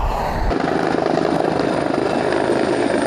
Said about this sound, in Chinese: 在佛罗里达城附近，消防人员动用直升机对火场进行空中洒水灭火作业。